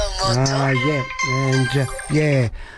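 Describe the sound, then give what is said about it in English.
A telephone rings loudly, its ringtone three drawn-out, warbling, crow-like tones in quick succession, with no talking over it. “Phones. Amazing. That's the second time in a row, isn't it?”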